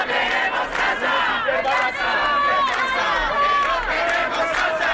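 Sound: protest crowd chanting slogans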